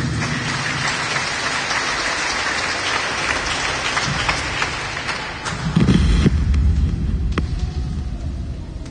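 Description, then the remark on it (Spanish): An audience applauds the Lord loudly for several seconds at the end of a sermon, a dense, steady wash of clapping that swells a little toward the end with some low rumbling underneath; no one speaks. “Fuertes palmas, escuchadas”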